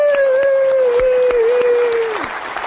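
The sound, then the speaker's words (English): The studio crowd of the show Living Right with Dr. Ray applauds, rolling on steadily while a long, held howling tone rides over it, sliding down and cutting off near the end as the clapping continues. “Give yourself a hand, would you?”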